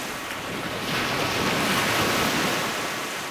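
Lake waves wash and lap steadily around a rescue boat, a continuous broad rush that swells slightly in the middle, with some wind buffeting the microphone and no voices.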